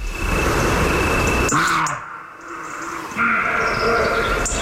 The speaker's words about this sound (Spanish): Las hoces del Duratón. Ahí de noche, pues en el Riaza, que se acerca de noche, un corzo está ladrando y ladra dentro de una enorme caja de resonancia. Oímos al corzo tres veces. Aquí, cuando viene rebotado a la pared y cuando vuelve a rebotar.